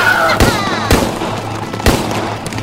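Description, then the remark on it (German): Several sharp gunshots crack out at irregular intervals, loud, over a steady low hum and a busy background of rumbling noise. “Knallt sie ab!”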